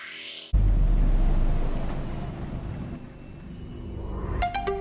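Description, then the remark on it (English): A combustion car engine bursts into a loud, deep roar as it accelerates hard, the rumble holding strong before easing slightly, with a rising mechanical whine near the end. No one speaks. “There are, of course, electric cars that do that in the same time or even less, but they do not sound like this.”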